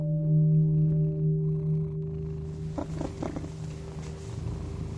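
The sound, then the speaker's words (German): A cat purrs steadily, a low continuous rumble with a few soft rustling sounds partway through and no one speaking. “Ich kann mir vorstellen, dass so eine schnurrende Katze auch ein sehr gutes Einschlafmittel ist.”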